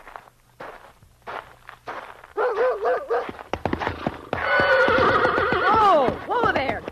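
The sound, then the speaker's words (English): A frightened horse whinnies loudly and shrilly in rising, wavering cries while a dog named Bullet barks in sharp bursts, with shuffling hoof and foot noises and a brief voice underneath. “You want to scare this horse to death?”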